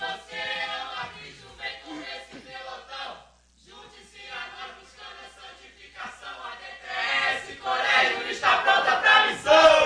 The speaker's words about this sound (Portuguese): Pastor, a igreja costuma preparar um grito de guerra. Qual o grito de guerra que a DTS Colégio preparou aí para essa tarde? Vamos lá, DTS Colégio. 2, 3.